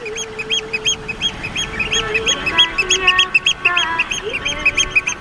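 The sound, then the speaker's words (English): Loud, shrill oystercatcher alarm calls repeat in rapid, overlapping bursts, several birds piping insistently, with a faint steady background hum. “When you listen to the oyster catcher's alarm calls, they shout, "Biglich, biglich."”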